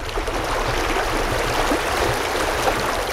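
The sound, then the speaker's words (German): A steady, continuous babble of the Teplice brook flowing through a spa park, with an even rush and faint low rumble throughout and no voices. “Hier befindet sich die Trinkquelle Kolár und auch der Bach Teplice.”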